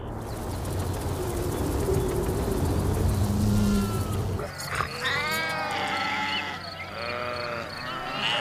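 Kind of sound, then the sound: animal, grazing sheep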